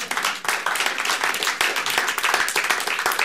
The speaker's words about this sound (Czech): No to je pěkné sdělení, to je na potlesk.